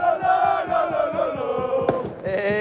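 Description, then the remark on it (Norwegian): A large crowd in the street at Busgaden in Aarhus, Denmark, celebrates winning the Danish championship after a 2-0 away win over Brøndby. They chant and roar together in a sustained, rising-and-falling wave of voices, with a rhythmic pulse of clapping or stamping underneath and a sharp bang near the end. “Det kan jeg jo selv prøve at vurdere ud fra den her lyd.”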